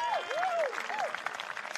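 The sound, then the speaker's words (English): A concert audience at Jazz Under the Stars in Cedar Rapids applauds a band with dense, steady clapping throughout, while a few short swooping whistles rise and fall over the top in the first second. “How about another round of applause for the six-man trio?”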